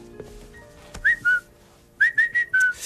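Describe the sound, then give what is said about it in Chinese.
A person whistles a cuckoo call: two falling notes, then a pause, then four more tonal notes in a quick series, clear and moderately loud with no talking. “这不就布谷鸟吗？”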